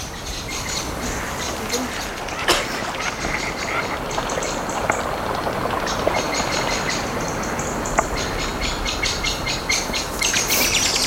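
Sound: birds singing outdoors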